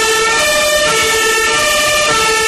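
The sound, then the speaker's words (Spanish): Fire engine horns blare in one loud, unbroken blast, sounded to draw attention at a gathering of about 2,000 people in the Plaza de los Reyes: a steady multi-toned drone holding the same pitch throughout, with a rumbling engine underneath and no voices. “Pues vamos a escuchar el sonido de esas bocinas de los bomberos que se oían apenas hace unos minutos.”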